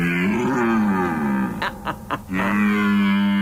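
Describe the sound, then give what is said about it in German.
At the North German stag-calling contest in Germany's largest fieldstone barn, the Scheune Bullewig near Röbel, a person imitates a red deer stag's roar: a long, deep, harmonically rich bellow that swells and wavers, breaks into three short grunting bursts, then resumes as a sustained low roar. “Ja, beim norddeutschen Hirschrufer-Wettbewerb in der größten Feldsteinscheune Deutschlands, nämlich in der Scheune Bullewig bei Röbel.”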